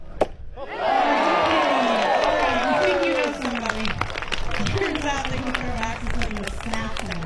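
A single sharp thunk of an axe hitting the target is followed a moment later by a crowd erupting into loud, sustained cheering, with high whoops and shouts rising over the roar and some clapping mixed in, at a women's axe throwing competition in the logging show of the Southeast Alaska State Fair.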